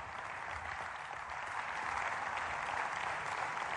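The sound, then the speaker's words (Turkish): A crowd applauds two oil wrestlers as they walk to the oil cauldron, a dense wash of clapping from many hands that swells slightly louder midway and holds at a sustained, lively level. “İki pehlivan kendilerini candan alkışlamakta olan halka selamlar dağıtarak dev vücutlarıyla yağ kazanının yanına vardılar ve hemen yağlanmaya başladılar.”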